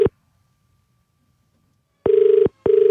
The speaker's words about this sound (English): We're calling him for the very first time in a long time. His name is Albert. Let's hope he answers the phone.